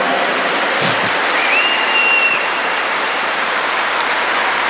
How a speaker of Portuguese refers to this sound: E eu chamei, vamos dar uma salva de palmas bem forte para ele.